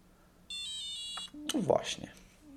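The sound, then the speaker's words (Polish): A braille display is switched off by holding its Power button for three seconds and plays its shutdown tones, a short run of bright electronic beeps stepping downward in pitch, and then a person starts talking once the beeps end. “Potem teraz był taki schodzący nieco w dół. Dźwięki schodziły w dół, czyli monitor się wyłączył.”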